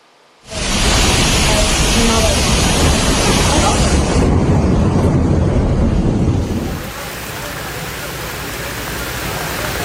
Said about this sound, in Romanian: Inundații în orașul bulgar Varna după o ploaie torențială.